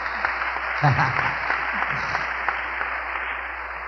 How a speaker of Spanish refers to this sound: Vea qué obediente el Padre. Un aplauso al hermano nuestro,